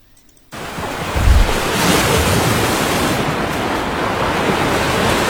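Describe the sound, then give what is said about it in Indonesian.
Steady roar of sea surf washing onto a beach on the north coast of Tuban before dawn, with thin mist over the shore; broad and continuous after a brief quiet start, with a low rumbling surge early on and some wind noise; no one speaks. “Sebelum fajar menyingsing saat kabut tipis masih menyelimuti pesisir pantai utara Tuban,”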